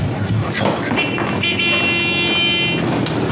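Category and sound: vehicle, motorcycle arriving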